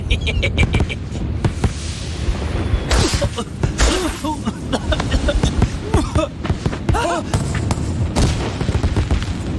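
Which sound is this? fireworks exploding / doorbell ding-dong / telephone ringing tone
fireworks exploding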